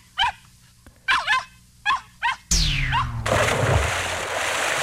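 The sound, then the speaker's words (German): A young dog lets out a quick series of high, yelping barks, then a loud, sloshing splash of wet cement swamps the scene as one more yelp cuts through, as the young dog is poured in with fresh cement while a house is being built. “Heute nimmt man einen jungen Hund.”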